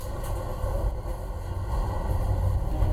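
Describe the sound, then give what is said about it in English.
The Amtrak Sunset Limited train, running west from New Orleans to LA, rolls slowly along the tracks through dense green swamp with a steady, heavy low rumble and faint mechanical rattling, holding an even level throughout with no voices. “There's a lot of undergrowth, and we're just slowly carving through it along the tracks.”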